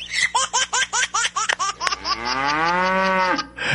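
A quick run of about eight choppy, laugh-like bursts leads straight into a single long, loud ox moo, drawn out and steady before trailing off, clear with no talking.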